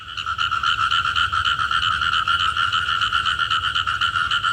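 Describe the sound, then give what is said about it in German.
A tree frog at the zoo in Wels calls in a rapid, continuous trill of pulsed croaks, loud and sustained without a break, with no voices present. “sind eigentlich aufgewachsen mit Fröschen.”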